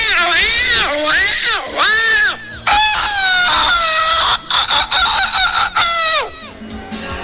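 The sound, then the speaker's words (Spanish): Loud chicken sounds: a run of rising and falling crowing calls mixed with hen clucking, repeating almost without pause, with a short break in the middle. “¡Qué lindo la banda del gato, el pollo, la gallina y el cocorococo!”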